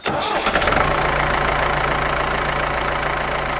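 tractor engine running

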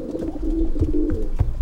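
pigeons cooing

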